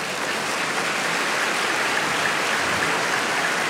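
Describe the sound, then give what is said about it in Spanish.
A church audience applauds for the Lord in a steady, dense wash of clapping that holds at an even, fairly loud level for several seconds, with no voices rising above it. “¿Puedes darle aplauso al Señor?”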